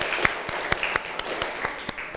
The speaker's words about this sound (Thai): ปรบมือดังๆให้เพื่อนอีกหนึ่งครั้ง